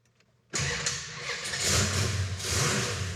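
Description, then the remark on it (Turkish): A car engine cranks and catches abruptly after a moment of near silence, then settles into a loud, steady rumbling idle with slight surges in revs, started after its gearbox and parts were refitted, fluids filled and belts checked. “Baştan sona bir gözden geçirdim ve şimdi arabayı çalıştırabilirim.”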